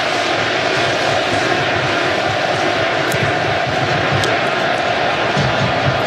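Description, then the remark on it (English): A stadium crowd at a football match against Australia cheers to give the team a lift as players come off the bench, in a loud, steady roar that holds at the same level for several seconds, a dense wash of voices with no single shout standing out. “And right on cue, the crowd recognizing they want to give the team a lift.”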